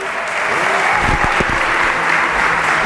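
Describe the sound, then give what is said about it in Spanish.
Steady applause from an audience for Rubén Amón, winner of the Salvador de Madariaga award, a dense wash of many hands clapping fairly loud, continuing without pause for a few seconds. “Un aplauso.”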